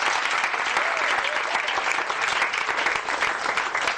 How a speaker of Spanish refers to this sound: Dele un fuerte aplauso a Cristo Jesús.